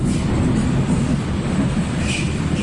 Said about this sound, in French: 1h du matin, le dernier métro vient de quitter la station de Jungfernheide à l'ouest de Berlin.